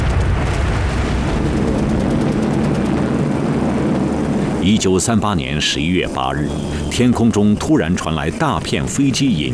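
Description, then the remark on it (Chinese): A heavy, sustained roar of many aircraft engines droning overhead fills the first half, then continues more faintly beneath a person talking. Japanese aircraft over Chengdu, China, on 8 November 1938, the first Japanese bombing of the city. “1938年11月8日，天空中突然传来大片飞机引擎的轰鸣声。”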